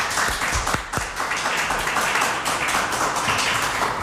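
An audience applauds steadily for three people together, a dense wash of many hands clapping at once, with a few sharper individual claps near the start. No one speaks over it.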